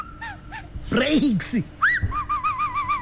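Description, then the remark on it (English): Clear whistling: a couple of short high notes, a burst of lower swooping vocal sounds, then a long wavering whistle that warbles up and down until the end. “That whistle is the sound of a bull you didn't budget for.”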